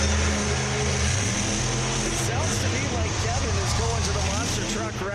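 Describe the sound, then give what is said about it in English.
A voice growls and revs in a low, rumbling drone, imitating the engines of three monster trucks, loud and continuous for several seconds, with wavering pitch and rough bursts over a noisy background. “Three monster trucks. Avenger, King Crunch, and the Carolina Crusher.”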